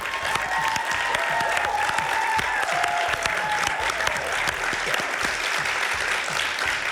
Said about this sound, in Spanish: Un aplauso para las palomas. Un aplauso para este alegato.